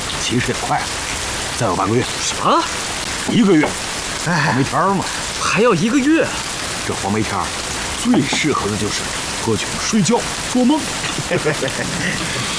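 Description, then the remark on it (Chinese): Steady rain pours down in a continuous hiss throughout in Nanzhou during the plum rain (huangmei) season, while voices talk over it in the foreground. “在这天天下雨的南州，还有什么事可做？”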